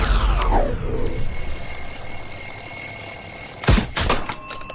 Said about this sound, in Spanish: Desarrollé la habilidad de apagar la alarma del despertador dormida, pero no me está gustando.